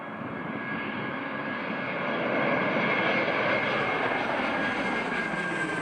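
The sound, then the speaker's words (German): A loud, steady airplane roar at Taubengrund, a broad rumbling engine noise with a high whine on top, swelling slightly midway as the plane passes overhead. No voices. “Sie lieben ihren neuen Standort und können den Fliegern nicht nahe genug kommen.”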